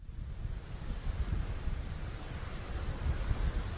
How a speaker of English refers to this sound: Out in the middle of the Atlantic Ocean, waves are crashing against the side of a 17-story cruise ship.